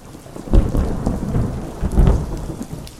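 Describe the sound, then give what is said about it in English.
A thunderstorm with heavy rain pouring steadily, broken by deep rumbling thunder that swells twice over a few seconds, loud, with no voices. “When you sing about rain, it rains.”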